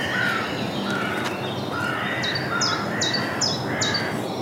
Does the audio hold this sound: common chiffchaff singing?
yes